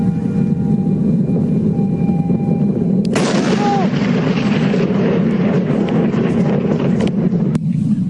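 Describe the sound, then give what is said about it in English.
A steady, heavy low rumble runs throughout, broken about three seconds in by a sudden loud explosive boom whose crackling burst slowly fades back into the ongoing roar, from a meteor exploding over Australia. “You can actually hear the rumble up until the explosion, and then it fades out.”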